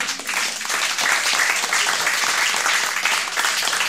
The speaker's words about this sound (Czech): To je na potlesk.